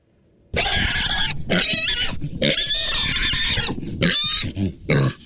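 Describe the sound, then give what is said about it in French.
A pig squeals loudly, letting out a run of shrill, harsh cries in quick succession, each burst grating and strained, with brief pauses between them. “« Je suis sûre que c'est un cochon, » reprend Élie.”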